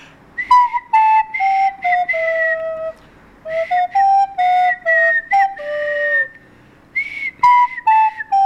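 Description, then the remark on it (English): Two people whistle a melody together, fairly loud, holding sustained notes in three phrases separated by brief pauses, with no talking. “give us another go of your whistle again, and I'll try and play along with me.”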